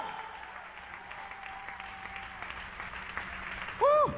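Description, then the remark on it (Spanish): An audience applauds in praise of God during a sermon, clapping steadily in dense, continuous applause at moderate loudness. A short, loud vocal cry rises over the clapping right at the end. “Dale un aplauso de alabanza a ese Dios todopoderoso.”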